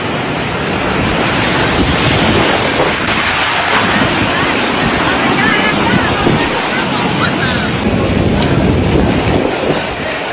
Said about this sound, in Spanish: con olas de 2 a 3 metros de altura, afectando establecimientos ubicados en la franja de arena